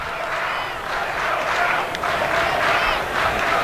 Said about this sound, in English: Crowd in a Let's Go Cal chant as Leslie, the 1-0 pitch.